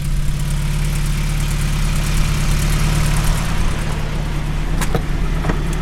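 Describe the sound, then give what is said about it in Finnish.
A tuned Gordini car engine runs at a steady idle, a loud, even low-pitched hum with a buzzing edge and a couple of brief clicks toward the end. No one speaks. “Mikä siellä hurisee? Minkälainen kone? Kasiopuolikas. Se on niin vähän tipparellun sukunen moottori, mutta tää on Gordini.”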